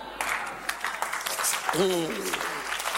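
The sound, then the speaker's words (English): A crowd claps steadily through the whole stretch, a dense rattling wash of hands, with a brief voice rising out of it near the middle. “Let me tell you something before you clap.”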